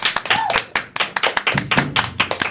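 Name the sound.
audience applause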